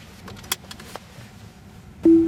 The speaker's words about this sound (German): Ein kurzes Signal und schon fährt das Auto von allein los. Das Navigationssystem sagt, wo es lang geht. Jetzt links abbiegen auf Luxemburger Straße.